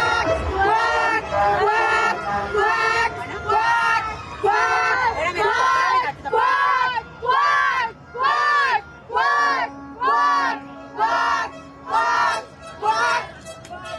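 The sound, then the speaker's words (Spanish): A crowd of mothers shouts "cuac, cuac" duck-like quacks in unison, loud and rhythmic, about one burst per second. It starts as a ragged clamour and settles into a steady chant. “Las mamás en esta ocasión gritaron, cuac, cuac, como si fueran patos, y el ajolote buscador también se disfrazó de pato para ver, dicen, si así les reciben o les invitan a Palacio Nacional.”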